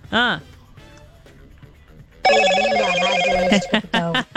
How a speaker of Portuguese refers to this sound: Esse celular não para!